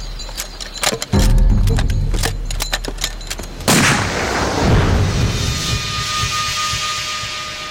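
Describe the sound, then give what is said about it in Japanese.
A rapid, irregular volley of sharp gunshots cracks out, then a louder, heavier blast booms and trails off into a long rumbling wash of noise, with no voices. “隊長、銃声要だ。”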